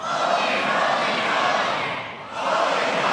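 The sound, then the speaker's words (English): An audience screams loudly in a sustained, dense roar of many voices, dipping briefly before swelling again to full volume. “Louder. Louder. Louder. Scream.”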